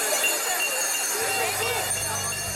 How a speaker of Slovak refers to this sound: Mohli sme si všimnúť aj mladú laborantku a jej muža vo vojenskej uniforme. Zvonia kľúčmi a tlieskajú.